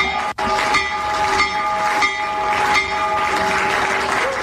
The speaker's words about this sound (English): President Trump ringing Wall Street's opening bell a short time ago, a promotion aimed at promoting the launch of Trump accounts, giving kids access to investing.